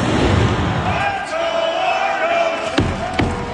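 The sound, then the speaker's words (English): A big stadium crowd of over 16,000 roars and chants steadily at a Toronto Argos home game at BMO Field, then former Blue Jay Kevin Pillar bangs a drum: two loud, booming hits near the end, spaced a moment apart and standing out over the noise. “That's former Blue Jay Kevin Pillar banging the drum, by the way.”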